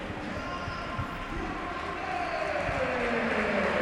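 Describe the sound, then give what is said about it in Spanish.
A stadium crowd at a match shouting as one at the referee, chanting "a la nevera", a dense, steady roar that holds throughout, with a chanted note rising in pitch toward the end. No one speaks over it. “Estoy dejando el ambiente para ver si escuchamos lo que gritan.”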